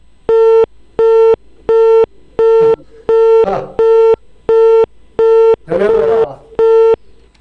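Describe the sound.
A telephone busy signal repeats loudly in steady, evenly spaced beeps, about ten in all, after the other party hung up on a call from an Inner Mongolia Radio and Television program, with two brief snatches of a voice breaking in partway through.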